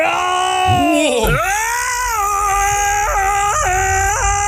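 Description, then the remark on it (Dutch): A person imitates a lion's roar, one of several roars sent in to the show, with one long, loud, strained vocal cry. The pitch dips sharply near the start, then holds steady with a few wavering surges toward the end. “Ja, dit zijn een paar brullen die binnen zijn gekomen.”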